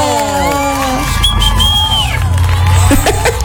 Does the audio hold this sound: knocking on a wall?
no